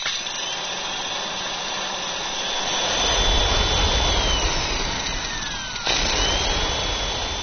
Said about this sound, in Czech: Mixér.